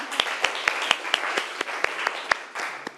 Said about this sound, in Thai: ขอเสียงปรบมือให้ตัวแทนจากกลุ่มที่1ด้วยนะคะ